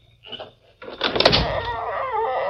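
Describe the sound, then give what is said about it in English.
A door opens: a brief latch rattle, then a sustained scraping sweep with a wavering hinge creak as it swings wide. No one speaks. “And open the door.”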